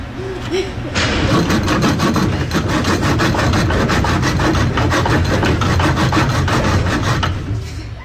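A woman saws by hand through a piece of wood about the size of a 2x4, in quick, even back-and-forth strokes, loud and continuous for about seven seconds after a brief lower rumble at the start.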